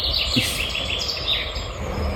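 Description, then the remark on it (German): Outdoor birdsong with woodpecker and small owl calls, thin high chirps scattered over a steady hiss of background noise, not very loud. “Specht und Käuzchen habe ich gehört, den Rest kann ich nicht identifizieren.”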